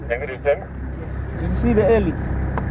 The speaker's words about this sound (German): Kurze Zeit später ein Funkspruch von Forgives Kollegen aus einem anderen Auto.